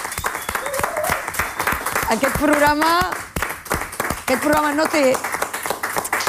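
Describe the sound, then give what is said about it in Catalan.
A programme's team of camera operators, set, floor and production staff, with no audience present, claps steadily in a dense, continuous patter of applause, while voices call out and cheer over it with rising, excited shouts. “Doncs repetim l'aplaudiment de tot l'equip.”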